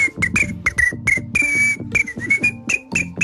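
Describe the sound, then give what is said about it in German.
A woman imitates chirping crickets in the SRF 3 radio studio on a hot summer day with a quick, steady series of about a dozen short, high whistled chirps and one longer drawn-out trill, fairly loud with no talking. “Ich habe nicht gewusst, dass du die weltbeste Grillenimitatorin das heißt bist.”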